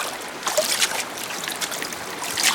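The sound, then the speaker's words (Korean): Water splashes and sloshes in a few irregular bursts over a steady wash of watery noise, moderately loud, with no voices; the splashing comes from beyond dry reeds stirred by wind at dusk, by flowing water below an embankment. “해질녘 바람에 스치는 마른 갈대 너머로 첨벙거리는 소리가 났다.”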